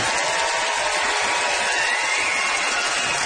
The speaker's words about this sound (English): It's a nice organized applause there.